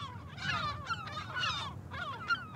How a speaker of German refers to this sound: Man merkt es, die Möwen sind böse auf uns, sie sind aggressiv.